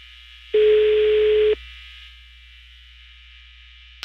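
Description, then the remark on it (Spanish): A single one-second burst of a steady, low electronic ringback tone of an outgoing phone call ringing on the other end and not being answered, over a faint line hum, then quiet. “Está sonando el teléfono de Henry Scott.”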